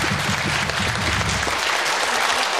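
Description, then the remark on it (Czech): A crowd claps steadily, a dense, continuous patter of many hands at an even loudness for the whole stretch, with a low murmur underneath in the first half. “No jo, já slyším, že plácají oni i ty.”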